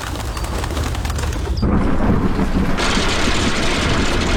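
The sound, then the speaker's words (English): A heavy storm roars with hail pelting down in a dense, continuous clatter, growing louder and harsher about halfway through. Loud throughout, with no voices. “So Mother Nature threw a little tantrum. And at St. Cloud Hyundai, you could be the one who benefits. It's the hail sale.”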